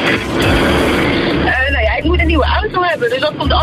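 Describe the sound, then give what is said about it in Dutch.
Steady low engine rumble and road hiss inside a car in a traffic jam, a broad wash of noise at first, then continuing under a person's voice talking. “Ik heb wel het idee dat jouw het nog doet, aan de achtergrond geluiden te horen.”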